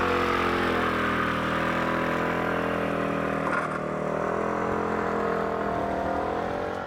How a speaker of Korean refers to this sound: 집에 차 있어도 차 안 타고 다녀요. 오토바이 타고 다녀요. 이제 밀어줘야 돼요 이것도.